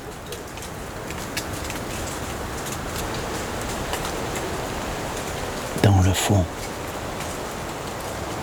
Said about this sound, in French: le torrent s'écoule.